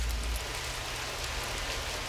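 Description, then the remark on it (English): Steady rain falling on a garage, a dense, even hiss of drops with a low rumble underneath, continuous with no voices. “It's like one of my favorite parts of having to open a garage is when it starts raining like that. The sound is nice, you know?”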